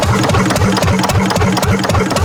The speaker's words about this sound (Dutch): Maar we zien hier een heel klein motortje staan met zo'n heel piepklein schoorsteentje. En zo'n rad wat een beetje aan het draaien is.